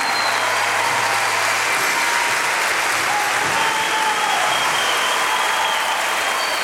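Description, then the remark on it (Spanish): Loud, sustained applause from an audience fills the whole stretch, a dense wash of clapping that stays steady without pausing. “Fuerte el aplauso en el bajo,”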